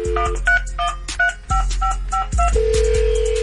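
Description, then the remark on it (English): A phone call being placed to a listener: a quick run of touch-tone keypad beeps, then a steady ringback tone as the line starts ringing, clear with no voices. “If you out there listening, your phone about to ring.”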